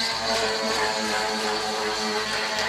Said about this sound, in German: Klingt eher wie eine Säge, oder? Ja, so eine Kreissäge, ja, oder irgend sowas. Ist aber ein Jetski. Ja, nicht am Mittelmeer unterwegs ein Jetski, sondern auf dem Eisteich in Riedlingsdorf